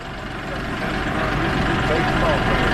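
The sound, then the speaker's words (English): A tractor engine rumbles steadily, a low continuous drone that grows slightly louder as the tractor maneuvers into a corral, with indistinct voices faintly in the background. “The tractor maneuvered into the corral, and a few minutes later, the moment of truth.”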